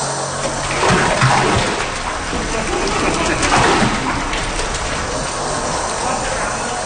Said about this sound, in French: Ah, rien que d'imaginer ce que c'est, ce bruit de boue qui tombe sur le sol en ciment, là. Ben, c'est pas vraiment de la boue, en fait. C'est ce grand projet de nettoyage en cours à St. Mary's, dans l'est de Terre-Neuve. C'est de la sauce de poisson